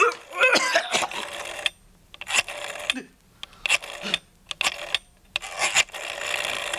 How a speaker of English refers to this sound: Hello, this is an emergency. My husband can't breathe. He's gasping for air and turning blue. Please hurry.